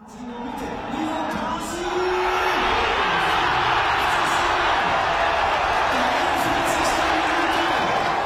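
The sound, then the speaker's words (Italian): A large crowd of football fans of the team from Thun, in the Bernese Oberland, Switzerland, cheers and shouts in celebration of winning the Swiss Super League title, a dense continuous roar that swells over the first two seconds and then holds loud and steady. “Parliamo di calcio, di Superliga, questi sono i suoni di gioia dei tifosi della squadra della cittadina dell'Oberland bernese che oggi ha matematicamente vinto il titolo di campione svizzero senza giocare”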